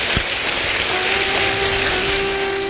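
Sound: audience applause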